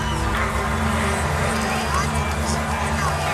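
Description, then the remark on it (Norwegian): A crowd of some 50,000 to 70,000 people roars and cheers continuously as the band enters the stage at a packed open-air concert on a muddy field after days of rain, a dense, steady wall of voices with a low hum running underneath throughout. “Noen minutter senere fylles konsertområdet opp av full jubel”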